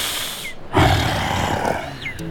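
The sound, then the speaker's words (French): A sabre-toothed tiger lets out a single deep, rumbling roar that starts abruptly and holds loud for well over a second before trailing off. “Le tigre à dents de sabre ne peut pas courir très longtemps à cause de sa masse trop imposante, mais surtout parce qu'il a une queue courte.”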